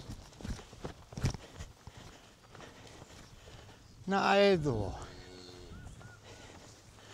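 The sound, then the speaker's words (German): Irregular hoof steps of a cow and calf picking up speed clatter over the ground, thudding and scuffing, as they are driven to a new pasture. A loud, harmonic call briefly rises midway, and a person speaks quietly. “Und Kalb nehmen Fahrt auf.”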